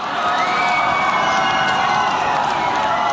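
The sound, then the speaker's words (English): A large crowd cheers loudly and steadily, a dense wash of many voices shouting and whooping with no pauses, sustained at full volume throughout, at one of the annual concerts in Moscow that followed Russia's 2014 annexation of Crimea, hailing Vladimir Putin's achievement. “I remember the annual concerts in Moscow that followed, hailing his great achievement, and all the talk of Crimea supposedly returning to”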